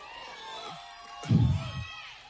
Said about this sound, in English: And we're still waiting for Jermaine to address this crowd. They're pretty amped up, as you can imagine.